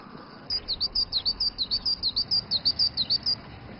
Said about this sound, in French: Et entendre le chant mélodieux des oiseaux de Yido l'a plongé quelque peu dans la nostalgie.